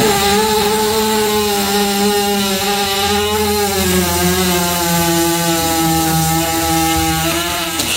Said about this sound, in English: Yeah, you missed the horse fart. Oh, I saw that. Again. On Instagram. It's laying on its side and gets squished.